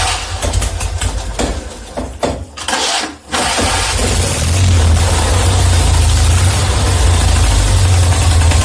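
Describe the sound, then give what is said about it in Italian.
A two-cylinder 650 engine cranks briefly, catches with a sharp burst, then settles into a steady, loud, rumbling idle, with no talking. It is started to check it after the valves were adjusted and new oil was put in. “Mettiamo in moto e verifichiamo.”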